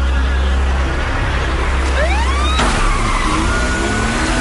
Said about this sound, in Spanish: Sirenas policiales, velocidad, acción y un acento asiático. Japonés. Es coreana la película. Sí, es coreana, sí.